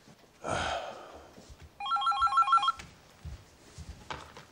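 An electronic telephone rings in a quick warbling trill of stacked bright tones for about a second, following a short burst of noise, with faint bumps and rustling afterward.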